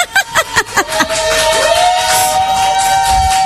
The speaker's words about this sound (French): Waouh, magnifique, ça mérite un applaudissement. Ouais!